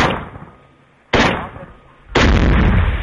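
Three loud, sharp bursts of automatic rifle gunfire about a second apart, shooting at a Russian drone. Each burst cracks hard and then trails off in a long rumbling decay, with no voices.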